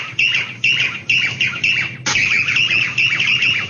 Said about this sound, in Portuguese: Ele tá perto da janela aqui, ó. Abre a janela aí, Vô. Isso. Devagarzinho. Que passarinho é esse, ó? De novo, de novo, de novo.